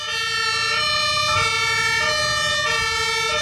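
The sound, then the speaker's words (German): Sirens of fire service, police and Johanniter emergency vehicles blare loudly during a demonstration on the ADAC training grounds in Hannover, Germany: a two-tone wail alternating between high and low pitches in a steady rhythm, with a low engine rumble underneath and no voices. “Diese Geräusche sind genau die, die man im Verkehr nicht hören möchte, denn sie heißen nichts Gutes. Johanniter Feuerwehr und Polizei demonstrieren auf dem Trainingsgelände des ADAC in Hannover den Ernstfall.”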